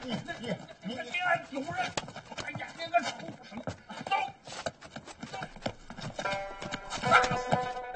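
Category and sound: animal, donkey hooves clip-clopping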